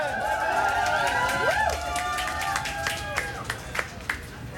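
An audience gives a mock, dubious round of applause for a team, with scattered hand claps ringing out alongside voices calling and cheering. Toward the end the clapping thins to a few sharp, separate claps.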